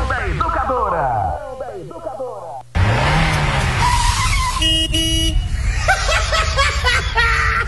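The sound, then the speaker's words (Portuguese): An old, heavily smoking Volkswagen Beetle drives by, its engine revving up and down in wavering sweeps, then gives a short burst of honks from its horn before pulling on. “Olha a fumaceira que tá esse carro.”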